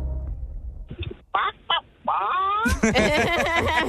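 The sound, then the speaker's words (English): A person imitates a confused, flustered chicken in answer to a quiz question, starting with a few short clucks, then breaking into a rising, warbling squawk that turns into rapid, loud, choppy clucking. “What sound does a confused chicken make?”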